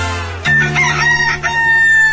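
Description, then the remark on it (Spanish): A rooster crows once, loud, a long strained cock-a-doodle-doo that rises and holds for nearly two seconds over a faint, steady low hum. “Si escuchas al gallo cantar, estás en Amanecer Ranchero de la Raza.”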